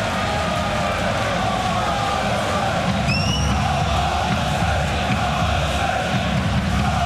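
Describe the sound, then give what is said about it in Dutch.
A large stadium crowd at a Volendam versus Heerenveen football match roars steadily and loudly, backing a new free kick, a dense wall of cheering and chanting that never lets up, with a short shrill whistle cutting through about midway. “Het publiek gaat er weer achter staan bij een nieuwe vrije bal van Hulchik.”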